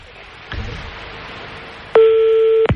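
A telephone number being dialed: a soft click, a stretch of faint hiss, then one loud, steady electronic phone tone that holds for under a second and cuts off.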